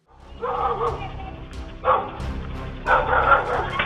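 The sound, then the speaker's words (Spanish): A guard dog barks loudly and aggressively in three quick bursts of barking as it chases off criminals attacking its owner, over a rough, noisy background with no clear talk. “La víctima corre para ponerse a salvo y su perro guardián se encarga de ahuyentar a los criminales.”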